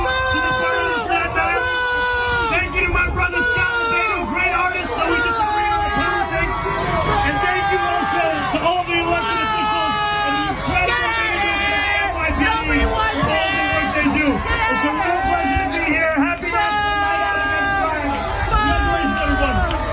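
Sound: crowd booing and shouting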